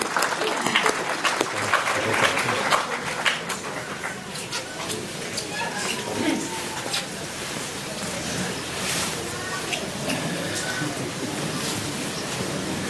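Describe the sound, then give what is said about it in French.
An audience at a Eucharist held in a hotel claps steadily for several seconds for the choir from Ferns and Drubor, a dense, even patter of many hands with reverberation, strongest at the start and then holding at a constant level. “On va les applaudir.”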